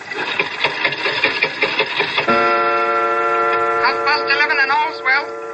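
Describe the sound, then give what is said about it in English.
An old clock made in London in 1752 ticks and clicks rapidly and mechanically for about two seconds as its glass face is opened and its hand pushed forward, then gives way to a sustained ringing tone that warbles and wavers toward the end. “But look at the clock. I open the glass face like this. I push the hand forward like this, and...”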